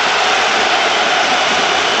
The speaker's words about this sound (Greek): Ακούτε και τις αποδοκιμασίες.